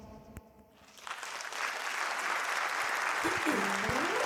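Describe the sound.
Applause from an audience builds after about a second into a dense, steady wash of clapping that holds loud to the end, with faint talking mixed in underneath.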